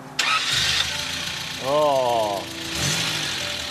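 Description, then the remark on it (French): A car engine cranks and catches with a sudden loud burst, then settles into a steady rumble, briefly revving with a wavering, rising whine before dropping back to idle. “Elle démarre? Vous me faites écouter?”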